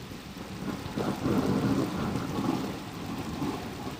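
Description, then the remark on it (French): A violent thunderstorm breaking suddenly over earth after months of drought, with steady rain hissing down and low, rolling thunder rumbling through, swelling midway and then easing off slightly; no voices are present. “Celle de la terre mouillée après des mois de sécheresse sur laquelle éclatent soudainement de violents orages.”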